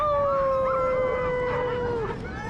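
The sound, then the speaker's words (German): Husky sled dogs waiting for work near Longyearbyen on Spitsbergen howl together. One long sustained wail slides slowly downward in pitch while other higher voices weave and overlap around it, loud and continuous with no talking. “In der Nähe des Orts warten Schlittenhunde auf ihren Einsatz.”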